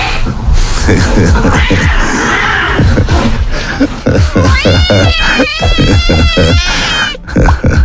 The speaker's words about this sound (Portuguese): É, meu filho, já pensou você o dia inteiro, dia e noite, esse tedel, 400 gatos num apartamento? Olha, por mais que eu goste de gato, eu sou admirador de gato, mais 400 não, né?